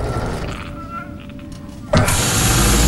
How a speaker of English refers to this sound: Austin prizes open huge sliding doors.